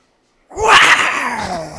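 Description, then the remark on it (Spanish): A person voices a loud, breathy tiger roar, a single rough growl that bursts in after a short silence and trails off with a falling, raspy tone. “¿Cómo hacen los tigres, güey? A ver, hasta viéndote un sonido de tigre.”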